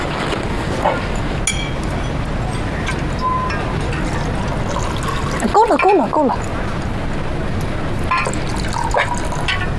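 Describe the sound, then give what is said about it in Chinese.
Liquor is poured into a glass, a brief gurgling stream whose pitch rises as it fills, set against a steady background hum with faint clinks and murmuring. “咱俩喝点儿。 少整点也行。”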